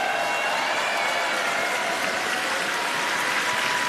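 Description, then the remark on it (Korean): Steady, dense audience applause at an FEBC event welcoming Ed Cannon, president and CEO of FEBC USA, fills all four seconds, a continuous crackle of many hands clapping at an even loudness with no voices standing out. “다시 한번 박수 보내주시기 바라겠습니다.”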